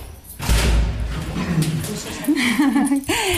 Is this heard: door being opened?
yes